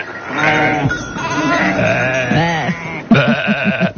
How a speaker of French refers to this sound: Et puis ça a bêlé hier à Roubion.